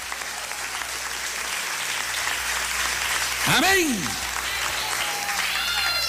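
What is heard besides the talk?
audience applauding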